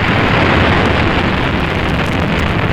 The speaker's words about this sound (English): T-minus 18 seconds and counting engine start. You have firing signal.